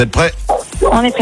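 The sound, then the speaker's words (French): A dog barks a few times in the background, sharp yips rising behind people talking in the foreground, the voices staying louder than the barking. “Il y a un bruit derrière, je crois qu'il y a un chien.”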